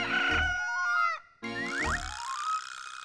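Two loud rooster crows in quick succession, each a strained, wavering call with a brief pause between them, with no talking.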